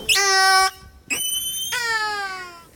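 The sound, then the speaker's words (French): A cetacean gives three high, mewing calls, rich in harmonics and slightly wavering in pitch: a long first call, a brief rising one, then a longer, gently falling call. Loud, with no talking. “Le miaulement du Norc en direct sur France Culture”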